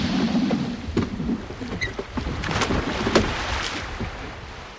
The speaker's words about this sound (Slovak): Prečo si odtisol svoj čln späť na more?